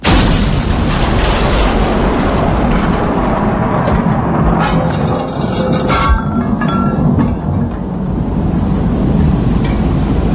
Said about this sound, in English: You're only supposed to blow the bloody doors off.